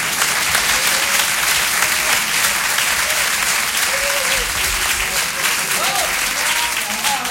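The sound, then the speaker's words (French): A large audience claps loudly and steadily for the full seven seconds, a dense wash of applause with a few faint voices calling out beneath it, as a man whose number was drawn is called up to come forward. “Oui monsieur, approchez-vous, on vous applaudit très fort.”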